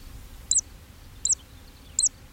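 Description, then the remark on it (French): A zitting cisticola, heard in woodland clearings near Weyès, calls three times as it flies, giving a little cry at each undulation of its flight: sharp high-pitched 'zit' notes spaced evenly about three-quarters of a second apart, clear over a low, steady rumble with no voices. “Alors, dans les clairières, évidemment, on a entendu, au moins et très nettement, la cisticole des joncs, ce petit oiseau qui vole en chantant et qui pousse un petit cri à chaque vague de son vol.”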